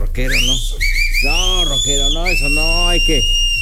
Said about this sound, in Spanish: No me chiflen así, no sean